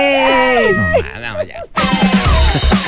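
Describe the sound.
A crowd of women in an audience screams and shouts loudly, with high-pitched overlapping voices, then breaks into a dense roar of cheering after a brief dip.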